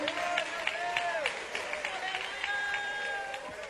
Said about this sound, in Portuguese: Assenta mais glorificando a Deus, aplaudindo o seu santo nome.